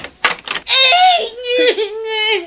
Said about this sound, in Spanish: Parece que … está llorando.